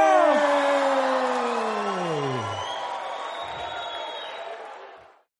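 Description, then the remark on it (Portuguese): A loud crowd shouts and cheers together in one sustained roar, with several voices sliding downward in pitch before the noise cuts off abruptly after about five seconds. “E quem gostou, dá um gritão!”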